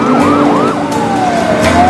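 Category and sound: vehicle, police car siren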